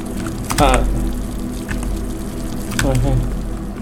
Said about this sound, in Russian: Открытый кран на кухне. Я открывал кран на кухне. Да, это открытый кран на кухне.